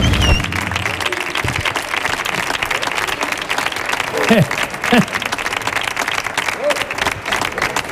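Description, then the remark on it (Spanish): A studio audience on Canal Sur Radio's El show del comandante Lara applauds steadily and loudly for musician Diego Villegas for the whole stretch, a dense wash of clapping with a few brief voices calling out over it midway. “Diego Villegas, señoras y señores, otro aplauso más, que siga el aplauso.”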